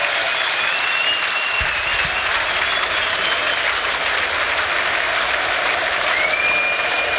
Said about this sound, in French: où un nouveau changement va être opéré, et celui-là, écoutez les acclamations, je vous les laisse, elles sont pour Hans Van Aken, écoutez.